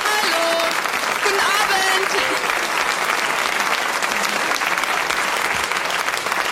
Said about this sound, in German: Unser Hallo. Publikum begrüßt dich. Beifall für Nicole.